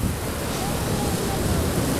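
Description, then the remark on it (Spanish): Ocean waves wash steadily against the shore in a continuous, fairly loud roar of surf, with no distinct breaks between them and a soft rush of wind-like noise blended in. “El sonido de las olas rodeando tus pies, mezclado con un buen sol, hacen que la experiencia en la playa sea perfecta.”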